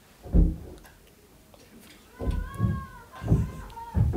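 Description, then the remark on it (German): A pull-up bar swings and knocks against a wall as a boy uses it, a few dull, muffled thumps spaced irregularly, heard through the wall from the other side, with faint voices in the background. “Das ist, der hat so eine Klimmzugstange und dann schwingt er immer voll gegen eure Wand.”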